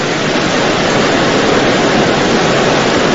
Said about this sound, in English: We just went over a waterfall.